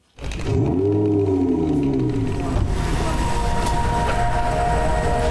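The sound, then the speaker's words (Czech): The Titan, a silver 600 kW electric supercar, drives quietly, its sound heavily amplified: a steady drive hum of several layered tones like a sustained musical chord, pitches gliding downward early on, then holding as a broad whine over constant rumbling noise. “Jede potichu a zní to jako hudební akord. Zvuk musíme hodně zesílit.”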